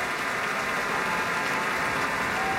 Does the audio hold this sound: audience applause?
yes